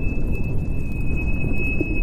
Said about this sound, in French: Les sonars militaires fouillent l'océan tout entier. Sifflements puissants qui battent les courants, rebondissent sur les eaux et sur les arêtes.